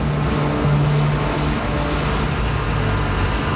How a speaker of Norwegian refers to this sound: Samtidig svinger en bil inn på parkeringen på Fornebu flyplass.